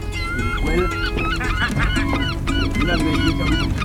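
A flock of gulls calling, loud overlapping squawks and cries tumbling over one another without pause, filling the whole stretch with a dense, harsh chorus.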